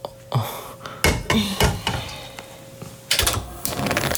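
Metal cookware clanks and scrapes on a gas stovetop as a pot is put on to cook ramen: a handful of sharp knocks, then a burst of rattling clatter near the end, fairly loud with no one speaking.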